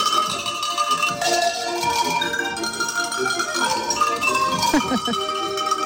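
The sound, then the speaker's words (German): Cow and sheep bells, rung by a bell player from Viehhofen at the programme presentation of the Salzburger Bauernherbst in Salzburg, clang rapidly and continuously, a dense jangle of overlapping metallic tones at several pitches, steady and fairly loud throughout with no voices. “Das sind Kuh- und Schafsglocken.”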